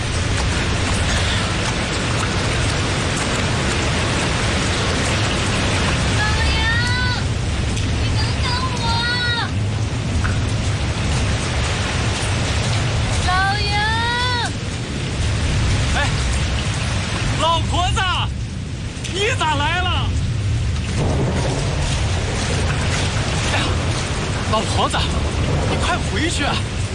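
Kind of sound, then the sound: nature, heavy rain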